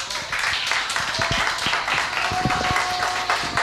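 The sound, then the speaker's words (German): A crowd applauds the 20th anniversary of the Plattenkiste dance ship at the lake, with dense overlapping claps forming a continuous, fairly loud wash of sound throughout, broken by occasional sharper individual claps. “Der Erfolg gibt euch beiden recht, weil 20 Jahre hier am See ist, glaube ich, schon etwas ganz Besonderes, das also auch einen ganz besonderen Applaus verdient hat.”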